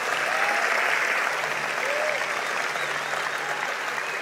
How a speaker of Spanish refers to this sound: Vamos, alguien que dé un aplauso al Señor por eso. Vamos, si lo vas a hacer, hazlo fuerte.